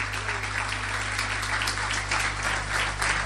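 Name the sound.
church audience applauding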